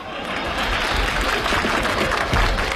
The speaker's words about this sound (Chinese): 不可能啊，你听观众的掌声，掌声如雷呀